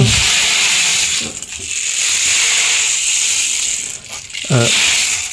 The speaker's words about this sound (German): Ja, es ist eigentlich ein Percussion-Instrument. Das kann man auch kombinieren. Genau. Oh, wow. Klingt wie ein Regenmacher, so ähnlich ist es auch. Ja. Ja. Aber halt flächiger.